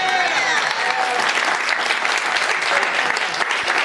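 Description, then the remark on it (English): A crowd claps steadily, a dense, even wash of many hands with a few whoops and voices mixed in, holding at a fairly loud level throughout. “You better clap, because, girl, you know it's true.”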